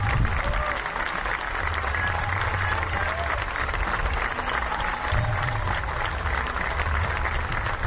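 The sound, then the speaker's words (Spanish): A large audience applauds a speaker who asks them to applaud for the public school teacher: a dense, sustained roar of clapping hands at even loudness throughout, with some crowd murmur and faint voices mixed in underneath. “Soy soldado latino, aprendí a mamar esta tierra y espero que aplaudan por el maestro de la escuela pública.”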